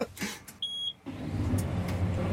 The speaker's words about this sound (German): Mach den Traktor an, was steht jetzt an? Wir müssen jetzt noch ein paar neue Flächen umbrechen, die wir neu dazu bekommen haben. Ich bin gespannt, wie laut es gleich wird.